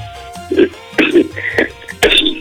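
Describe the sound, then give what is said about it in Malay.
A caller coughs over a phone line: a few harsh, abrupt bursts spaced about half a second apart, sounding muffled and slightly distorted, with faint voice-like noise between them. “Enggak tuh lagi batuk.”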